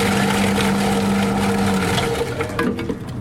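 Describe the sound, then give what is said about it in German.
A motorized machine chopping apples to make cider (Most) at the Gaswerk site whirs with a steady low hum and loud grinding, crunching noise. The motor's pitch drops partway through as irregular cracks and thuds continue. “Zuerst muss man die Töpfel in einer Maschine verhacken.”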